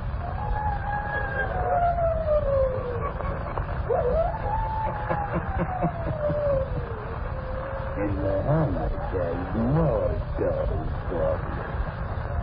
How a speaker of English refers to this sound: Listen in again next week for my howling. I'll be back.